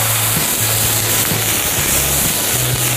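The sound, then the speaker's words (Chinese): Steak, beef for a Thai curry, sizzling over high heat in a hot pan as it is seared to rare: a loud, steady crackling hiss that runs unbroken for the whole clip, with a faint low hum coming and going beneath it and no voices. “煎牛排一定要大火煎。”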